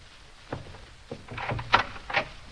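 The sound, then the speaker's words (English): The door to the music room at Zender Castle is opened: a couple of sharp latch clicks, then a short rustling creak and a final knock-like thud, all fairly quiet with no talking. “Open the door.”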